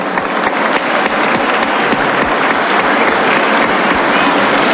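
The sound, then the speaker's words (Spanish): Sustained audience applause for the National Government, a dense, steady wash of many hands clapping at a loud, even level for several seconds, with no one speaking over it. “Quiero reconocer esta acción del Gobierno Nacional y un aplauso, por favor, a él.”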